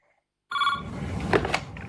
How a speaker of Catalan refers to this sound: És tan fort aquest telèfon. És increïble. És increïble. És increïble. Li sona el telèfon i li estan explicant tota l'estona.